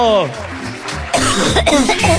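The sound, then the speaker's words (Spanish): A short voiced sound gives way to a run of harsh, loud coughs, bursting out one after another over about a second; the coughing comes from excitement, not illness. “Oiga, con toda la emoción que estamos, viene tosiendo ya.”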